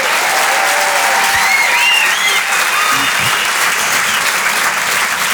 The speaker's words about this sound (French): Je suis la seule femme du plateau. C'est quand même sympa, ça s'applaudit quand même, ça.